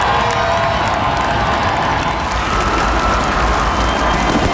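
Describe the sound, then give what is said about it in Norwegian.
Tens of thousands gathered on Slottsplassen and along Karl Johans gate cheer and applaud the national team's World Cup heroes, a loud, steady roar of voices and clapping with scattered higher shouts and whoops rising through it. “Gående samlet ut på Slottsplassen til jublende applaus og garden oppstilt, fikk VM-heltene endelig møte folket som har heiet dem frem.”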